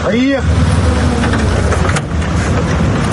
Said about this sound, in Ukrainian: Саме звідси нас забирає машина.